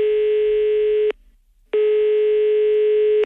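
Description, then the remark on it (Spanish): A telephone ringback tone plays while a DGT traffic official calls a driver about a traffic offence: a steady, buzzy electronic tone rings for about a second, pauses briefly, then rings again. No one speaks. “Pero es un momentito que vamos a llamarlo y vamos a aclarar aquí qué es lo que ha sucedido.”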